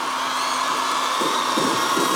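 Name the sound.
concert crowd cheering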